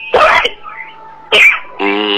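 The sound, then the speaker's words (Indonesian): Two loud coughs about a second apart, each a harsh burst, followed by a drawn-out voiced throat-clearing rasp. No speech. “Aduh, batuk.”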